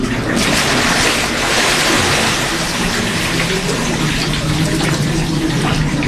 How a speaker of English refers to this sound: They say a prayer together, and then, when the pilgrim's ready, the helpers rock him back into the cold mountain water.